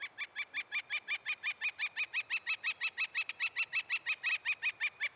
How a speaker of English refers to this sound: Wow, that was great. The northern flicker. Interesting.